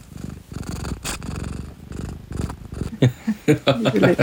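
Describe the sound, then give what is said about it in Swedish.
A cat purrs, a steady low rumbling in rhythmic pulses, followed near the end by a few short, brighter voiced sounds. “För hon är ofta med också. Det är väldigt passande för det är en del svarta katterberättelser och sådär.”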